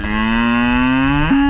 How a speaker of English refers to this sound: I'm going to introduce you to my cow Claire.